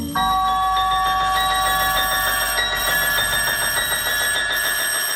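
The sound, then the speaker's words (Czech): A doorbell rings sharply and without pause for several seconds around 4 a.m., a loud, rattling electric ring that starts abruptly and stays steady, with no voices. “Vzbudili mě rány na dveře a prudké zvonění kolem 4:00 ráno.”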